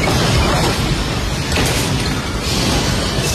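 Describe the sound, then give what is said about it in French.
A loud, sustained roar of falling debris as part of a ceiling collapses at the Caracas airport in Venezuela during an earthquake, a dense rumbling crash with a sharper burst midway and clattering continuing to the end. “Il filme l'effondrement d'une partie du plafond dans un grand fracas.”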